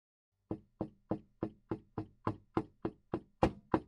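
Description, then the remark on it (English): A rapid series of about eleven knocks on a wooden door, evenly spaced, with the last few striking a bit harder; no voices. “Someone is knocking on my door.”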